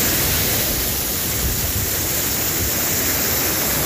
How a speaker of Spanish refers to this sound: Ahí podemos ver bastante flujo de agua. Bastante flujo de agua. También invitar a la gente a tratar de no acercarse a estos lugares porque va con bastante fuerza.